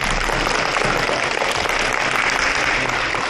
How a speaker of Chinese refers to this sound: 好的，亲爱的同学们，请让我们再一次把最最热烈的掌声送给我们的